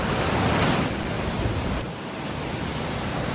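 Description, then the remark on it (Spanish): Steady rushing water of the Vero river, in the canyon area of Guara, fills the scene, a dense continuous roar of flowing current, with a slight dip in intensity midway before it carries on evenly. “Me gusta escuchar el río cuando lleva agua, porque hay veces que está bastante seco, ¿no?”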